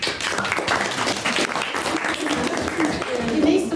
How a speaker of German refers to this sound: Applaus für alle und ihre Posts und Slides.